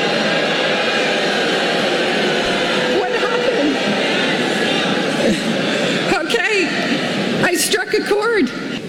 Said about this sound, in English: Only to hear this at graduation. The rise of artificial intelligence is the next industrial revolution. They start booing her.